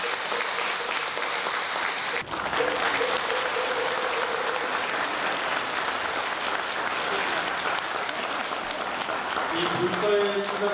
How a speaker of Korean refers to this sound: 큰 박수 부탁드리겠습니다.